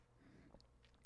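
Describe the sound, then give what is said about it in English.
A quick slurping sip from a 16-ounce bottle of Ice Mountain Sparkling Black Cherry drink, one short bright burst at the end after a moment of faint mouth noises and near silence. “Sipping on some Fizzerp.”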